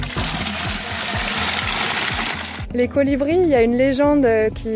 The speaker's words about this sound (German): Manchmal stehen auch weiße Wagen so mit Wasserkanistern am Straßenrand. Und diese Französin nimmt sich gleich zwei Gießkannen voll.